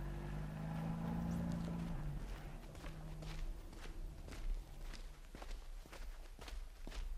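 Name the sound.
footsteps walking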